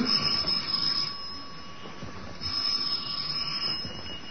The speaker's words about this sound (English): And the second time last week that romance entered the apartment of George and Sapphire was when Herbert Jackson, a magazine solicitor, rang the Stevens doorbell.